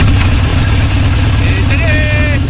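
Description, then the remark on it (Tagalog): A motorcycle engine rumbles loudly and steadily, its low drone holding constant throughout, with a brief higher-pitched tone or voice rising over it near the end. “May darating na motor.”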